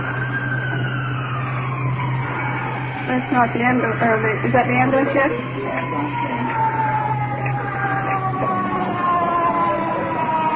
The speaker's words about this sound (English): Is that the ambulance yet? Checking out the window. Ambulance with iron lung.